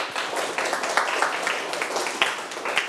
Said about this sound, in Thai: ไหนใครทำถูกต้องทั้งหมด10ประโยคเลยยกมือขึ้นเก่งมากปรบมือให้ตนเอง